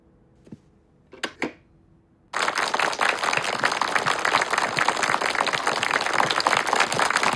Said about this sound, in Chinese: 我在七七二中全会上讲的少鼓掌，现在看来不起作用啊。 主席不是说过吗？积习难改啊。 好，停止鼓掌啊。